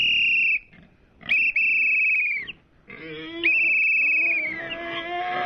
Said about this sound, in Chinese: 普普通通的哨子就能把如此野性的跑山猪叫回来？果不其然，随着哨声的响起，原本安静的山里突然开始躁动起来。跑山猪从四面八方飞快地向山下跑去